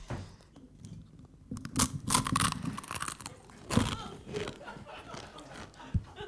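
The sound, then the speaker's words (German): Loud, crisp crunching bites into a waffle sprinkled with the contents of a small packet, followed by steady chewing of the crunchy waffle, with sharp cracks standing out over a soft mouthy backdrop and no words spoken. “Und jetzt hören Sie bitte, können Sie mit ASMR hier.”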